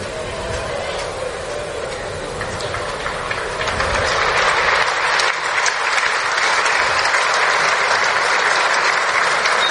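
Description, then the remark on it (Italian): A large stadium crowd at Stadio Zini applauds in a steady, dense wash of clapping that swells louder after a few seconds and holds, with a faint murmur of voices underneath, ending a minute of silence in memory of Alex Zanardi. “L'applauso dello stadio Zini va a decretare il termine di questo minuto di silenzio, minuto di raccoglimento, per onorare la memoria di una persona che è stata tante cose nella sua vita.”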